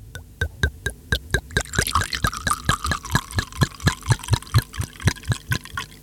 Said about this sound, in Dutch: Even kijken, ik heb een glas. Ja, je hebt er twee zelfs. En wat doen we met het glas? Schenken, schenken.